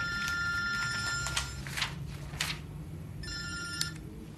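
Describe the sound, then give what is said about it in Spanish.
A telephone rings in two bright, trilling bursts separated by a short pause, in an office at dusk, with soft rustling and shuffling as a man searches for it among papers, and no one speaking. “Al atardecer, un hombre busca su teléfono entre los papeles de su despacho.”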